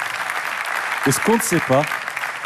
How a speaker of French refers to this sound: Et donc, c'est surtout eux qu'il faut remercier. Ils méritent des applaudissements, s'il vous plaît. Bravo.